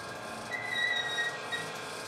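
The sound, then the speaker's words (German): A mechanism in a cathedral squeaks with thin, high-pitched, whistle-like squeals that waver and break off over about a second, set against a steady hiss of background noise with no talking. “Ich habe gerade gefunden, was da quietscht.”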